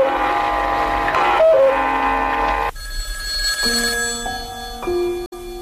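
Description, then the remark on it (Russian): A telephone rings at midnight with a loud electronic tune, bright tones stepping between pitches in a repeating pattern, heard clearly on its own with no talking. “Второй телефонный звонок раздался ровно в полночь через неделю.”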